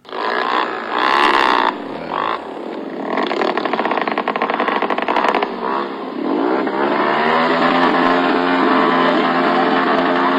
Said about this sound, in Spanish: Competencia de ruidos ahora. A la motocicleta, duran hasta 10 minutos y pues la gente dice, pues estos que traen, o eso es bastante el ruido.